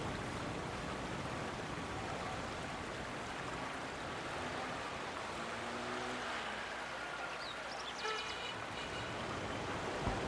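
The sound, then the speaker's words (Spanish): Steady rushing of water from the Lurín River pouring through one of its six main irrigation intakes, a dense continuous wash that stays loud throughout, with a brief faint chirp near the end and no voices. “una de las seis bocatomas principales que recibe el agua del río Lurín. Reunidas en este nudo de agua, nos dispusimos a la escucha.”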